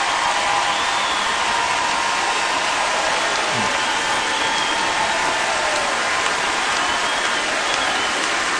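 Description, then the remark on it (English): A Grand Ole Opry crowd claps steadily for active and veteran military members, a dense, even wash of applause that stays loud and constant for several seconds with no voices over it. “If we have any active or veteran military members with us tonight, if you all are able to stand, we'd love to give you a round of applause and a big thank you for everything you've done for our country.”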